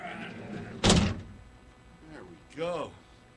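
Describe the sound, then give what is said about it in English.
A heavy door swings shut with one loud, booming thud, its low rumble fading quickly. A short vocal sound follows a moment later, with faint murmuring underneath. “Me, myself, I'm going to incarcerate myself. Where is it? Big-ass door, right here.”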